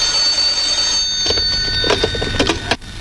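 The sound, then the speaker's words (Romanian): A telephone rings over the line, a steady high-pitched electronic tone joined midway by a run of rapid, pulsing rings, fairly loud and with no one speaking. “Mă poftim, a venit tonul. Confuzie, mai formați odată numărul.”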